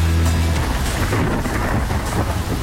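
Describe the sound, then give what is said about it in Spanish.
Heavy rain pours down steadily, a dense continuous hiss with a deep low rumble underneath, loud throughout with no voices. “Y la lluvia está cayendo, pero mamita mía, mire, así está lloviendo. Escuchen el sonido ambiente.”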